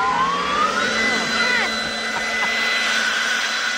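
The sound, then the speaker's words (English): A leaf blower runs steadily with a loud, whooshing roar and a droning motor whine that climbs slightly in pitch, with no voices over it. “Did you see my leaf blower?”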